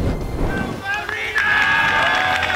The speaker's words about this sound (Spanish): Y así, con esta ovación, ha sido recibido por sus compañeros Mikel Merino, que se ha incorporado a los entrenamientos tras 4 meses lesionado.